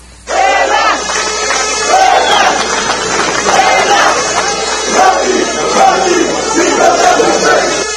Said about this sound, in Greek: Μέσα σε κλίμα αποθέωσης και συγκίνησης, πλήθος κόσμου υποδέχτηκε τους διεθνείς στο αεροδρόμιο Ελευθερία.